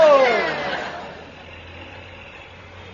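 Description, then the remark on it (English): A private bus engine roars with a falling whine as it slows, then settles into a steady low idling rumble for the remaining seconds. “This is a private bus.”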